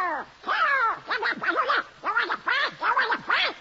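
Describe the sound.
The cartoon voice of Donald Duck quacks and squawks in rapid, nasal, garbled bursts, about six or seven agitated outbursts in a row, loud with no other sounds.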